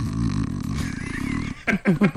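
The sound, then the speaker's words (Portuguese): A voice imitates snoring: a long, low, rattling buzz lasting about a second and a half, then three short, louder snorting bursts in quick succession. “deve roncar, tem cara que. Um barulho mais ou menos assim, ó.”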